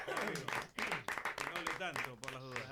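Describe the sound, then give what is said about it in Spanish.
An audience claps steadily for a few seconds for the singer chosen to sing the anthem on the day of the national team's match, a dense wash of applause mixed with loud voices talking and calling out over it. “aplauso”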